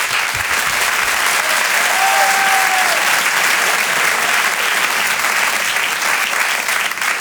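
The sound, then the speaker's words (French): A crowd applauds loudly and steadily as Jérémy Charbonnel is introduced on stage, a dense wash of clapping that holds for several seconds, with a faint whistle rising briefly in the middle. “Et je vous demande de l'applaudir lui aussi très fort.”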